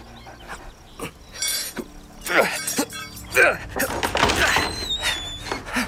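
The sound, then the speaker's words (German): A locked door is forced open with a series of heavy blows, then splintering cracks and clattering as the wood gives way, with some brief vocal effort mixed in. “Es bleibt mir wohl nichts anderes übrig, als die Tür aufzubrechen.”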